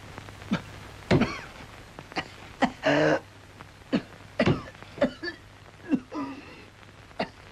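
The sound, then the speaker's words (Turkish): A harsh, honking cough bursts out repeatedly in uneven fits, loud, with short gasps and wheezy breaths between the hacks and a faint steady hum underneath. “Ah canım, nasıl da hönk hönk öksürüyor.”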